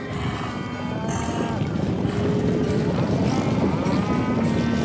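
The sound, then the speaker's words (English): A dense, continuous rumble of many hooves pounding as cattle and horses stampede, with drawn-out cattle moos rising over the din. The stampede stays loud and steady throughout, and no one speaks. “We's having a stampede.”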